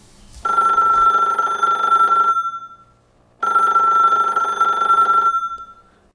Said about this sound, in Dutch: Oh, telefoon.